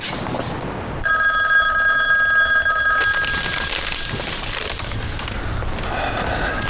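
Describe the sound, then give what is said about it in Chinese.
A telephone rings loudly for about two seconds, a bright electronic trill with steady tones, over a dense background of noise that continues after the ringing stops. “我们要不要给挂月台打个电话？”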